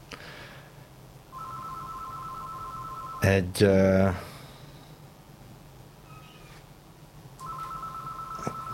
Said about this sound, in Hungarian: Telefon.